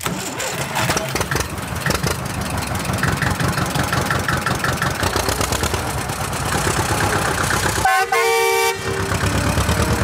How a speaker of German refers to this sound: Und schon klettert Fine sportlich elegant auf ihren grünen Trecker und los geht's.